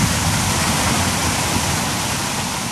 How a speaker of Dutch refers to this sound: En daar gaat het water. De bak in.